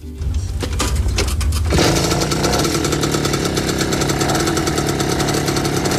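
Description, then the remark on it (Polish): A Komar moped engine being kick-started sputters and coughs for a moment, then catches and settles into a loud, steady, high-pitched buzzing idle with a rapid rattling rhythm. “To przypomnijmy sobie, jak się komara odpala.”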